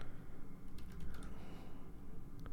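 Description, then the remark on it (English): Quick, uneven clicks of someone typing on a computer keyboard to look up song lyrics, a short burst of keystrokes over a low background rumble, with no voices. “Blah, keyboard not working.”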